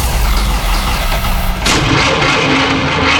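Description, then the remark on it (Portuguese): A car engine cranks over and over with a rough, grinding churn, loud, its starter straining without the motor catching and running smoothly. “Parou? A Walter Elétrica resolve. Se o problema é motor de partida, alternador, motor de arranque ou qualquer defeito na parte elétrica, pode confiar em quem entende do assunto há mais de 60 anos.”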